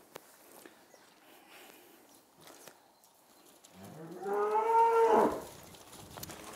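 A single long, loud moo from cattle, a cow and her calf, rises and swells for over a second before cutting off. Faint rustling and soft steps fill the quiet otherwise, with no talking.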